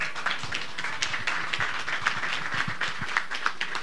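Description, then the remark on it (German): Steady applause from an audience in a hall calling for an encore, a dense wash of many overlapping claps running the whole time at an even, moderate level, with no voices heard. “Es gibt einen großen Applaus.”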